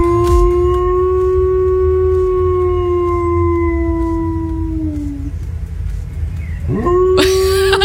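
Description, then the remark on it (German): A border collie in a garden howls, imitating a fire siren, in a long, steady, siren-like wail that slides down and fades, then starts up again, loud over a low background rumble. “Ihr Hund kann nämlich perfekt die Feuerwehrsirenen nachmachen.”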